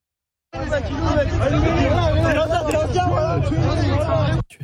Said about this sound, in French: je voudrais qu'on écoute quand même d'abord quelque ambiance qu'il y a eu hier soir, notamment ambiance place de la Concorde face à une voiture détruite, et vous allez entendre « Tuez-le ».